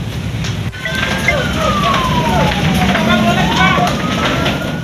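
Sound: fire truck siren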